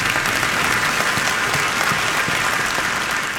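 An audience claps steadily, a dense, even wash of many hands applauding at a constant loudness for a few seconds with no voices standing out.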